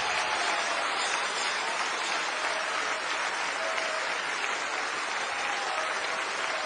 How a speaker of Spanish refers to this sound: Oh, denle un aplauso de veras.